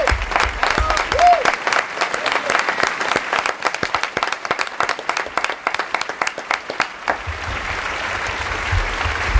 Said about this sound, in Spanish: Voy a pedirles un aplauso también para la voz de Winnie the Pooh en España, que es la voz que acompañó al personaje del osito amarillo durante décadas y que pertenecía al actor Tony Canal, que por desgracia ha fallecido hace apenas unos días